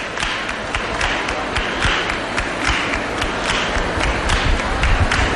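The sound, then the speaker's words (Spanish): A young group of a religious brotherhood claps hands in a steady, driving rhythm in Lepe, Spain, on a hot day, sharp overlapping claps repeating at a quick even pace over a dense, busy backdrop, holding a constant fairly loud level throughout. “Escuchamos esas palmas de este grupo joven que son el futuro de esta hermandad.”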